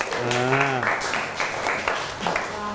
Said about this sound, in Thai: ปรบมือให้กลุ่มที่5ครับ